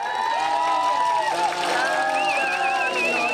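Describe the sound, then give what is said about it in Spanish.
Fans at the Coloso de Santa Úrsula stadium sing "Cielito Lindo" together to cheer on the national team, many voices blending into a loud, steady chant with sustained, wavering pitches. A high, trilling tone joins near the end. “Pero el cielito lindo va a rugir ahí en el Coloso de Santa Úrsula.”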